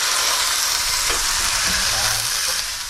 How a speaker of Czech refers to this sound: Ten česnek nakrájený přihodíme k té cibulce, která už nám poměrně zezlátla. A tohle už nám ta barva bude stačit. A teď to zalijeme takový napůl vývar, trošku i vody tam dám. Hezky zalijeme takhle.